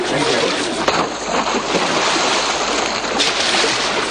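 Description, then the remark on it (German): Loud, continuous splashing and churning of water as a child falls into the water and a man jumps in after her, with a couple of sharper splashes breaking through near the start and toward the end. “Um Gottes Willen, das Kind ist ins Wasser gefallen.”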